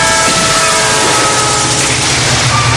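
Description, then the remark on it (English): A loud train rumbles past while its horn holds a long, steady blast over the roar of the passing cars. No one speaks. “Expect trains. Any time, any direction.”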